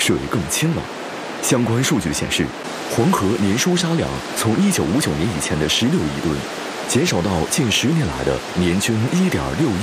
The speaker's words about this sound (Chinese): 如今的壶口瀑布成为青浦飞流，激昂的河水声震如雷。